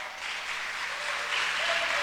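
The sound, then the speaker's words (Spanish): A crowd applauds in a steady, dense wash of clapping that holds at an even, moderate level for about two seconds, with no voices standing out. “No, no, si va a aplaudir, hágalo con ganas.”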